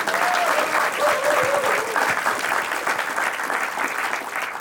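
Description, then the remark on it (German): The audience of a broadcast show claps steadily and loudly for several seconds, a dense wash of applause with faint cheering voices rising briefly early on. “Durch Ihr aufmerksames Zuhören, Mitfiebern und Klatschen und Applaudieren und Jubeln.”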